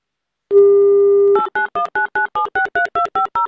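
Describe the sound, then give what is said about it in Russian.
A steady dial tone plays for about a second, then a quick series of about eleven short two-tone keypad beeps as Avtoradio radio hosts dial a listener's telephone number, evenly spaced and fairly loud, with no talking. “Номер набран.”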